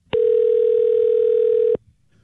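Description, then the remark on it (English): A steady, loud telephone dial tone, heard before a phone call to a boss, hums at a single mid pitch for about a second and a half, then cuts off abruptly, leaving faint low background noise. “le quiso realizar una clavada telefónica a su jefe.”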